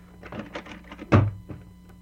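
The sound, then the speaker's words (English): A back door is opened with a few soft clattering knocks, then swung shut with a loud, heavy thunk, followed by a faint bump. No one speaks. “Come on out the back door and we'll have a good look at her.”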